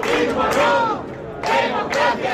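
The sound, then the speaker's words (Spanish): A crowd in Lugo shouts a rhythmic two-beat protest chant of "fuera, fuera" ("out, out") in Spanish as the Partido Popular takes over the city's mayoralty. The massed voices are loud and rise in repeated bursts about once per second. “Gritos de fuera, fuera.”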